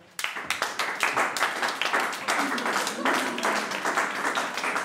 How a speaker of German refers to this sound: Ihre Majestät, unsere Königin, hat sich auf den langen und beschwerlichen Weg hierher zu uns gemacht. So erhebt euch einmal von euren Afterballen, Volk. Und zollet ihr Beifall